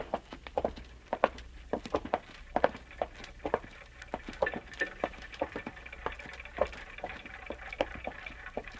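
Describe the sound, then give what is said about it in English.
A dense chorus of more than 100 clocks in a room ticking at once, their sharp clicks overlapping in an uneven, busy patter over a low steady hum, with no voices. “You mean the clocks, madam? There are more than 100 clocks in this room.”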